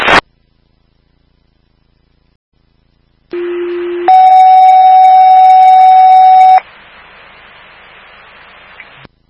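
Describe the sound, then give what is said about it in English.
Fire dispatch alert tones alerting fire station 25 to a call at 370 Glendale Road for a serious leg injury from an ATV incident: a short low steady tone, then a louder, higher sustained tone lasting a couple of seconds, followed by radio hiss. No one speaks. “Fire alarm to station 25, get your set to 370 Glendale Road, that's 370 Glendale Road.”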